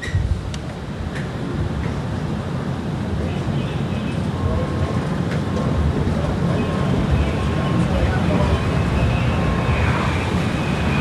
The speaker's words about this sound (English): You got to bring up your voice as loud as possible because that F-35 is buzzing.